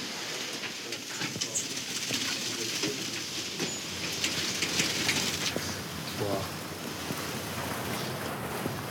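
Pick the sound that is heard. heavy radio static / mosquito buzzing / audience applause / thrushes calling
thrushes calling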